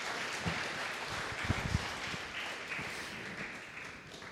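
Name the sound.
audience applause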